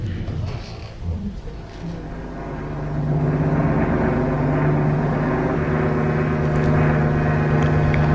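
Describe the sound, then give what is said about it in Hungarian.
An airplane heading toward Miami: its engine drone swells in over the first few seconds, then holds as a loud, steady hum with a low tonal buzz, as if the plane is passing overhead. “Repülőgép.”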